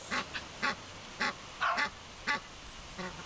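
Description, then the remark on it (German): An Egyptian goose gander, walking about and guarding its family, gives a series of harsh, honking calls, about six short bursts in an irregular rhythm, clear with no talking. “Ja, also Nilgans, der Ganter läuft rum, passt auf.”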